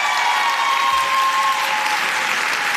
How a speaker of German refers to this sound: Applaus und Jubelrufe im Kaisersaal des Frankfurter Römers für Shada Basia.